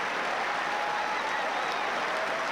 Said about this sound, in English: Just a classic Wimbledon match on the grass that went the distance. And Djokovic-Fokina getting a big round of applause, well-deserved.